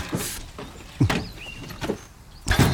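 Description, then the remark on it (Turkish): A car door opens with a series of mechanical clunks and thumps spread over a few seconds, with a brief whirring scrape in between. “Dur. Hadi. Kapı. Bu. İn artık hadi.”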